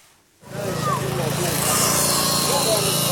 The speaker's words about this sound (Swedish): räddningsarbetare som sågar sig genom järnstänger och armeringsjärn. Någonstans under de sammanpressade våningsplanen i betong ligger stora delar av hans släkt.